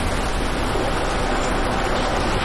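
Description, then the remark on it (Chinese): Heavy rain that keeps getting heavier: a dense, steady roar of rain pours down without pause, a constant hiss of water filling the whole clip with no voices present. “这雨越下越大了。”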